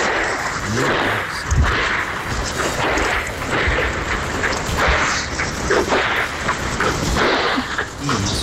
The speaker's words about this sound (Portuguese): o … foi mandar um áudio pra gente agora e escutou tiros na hora que ele ia gravar o áudio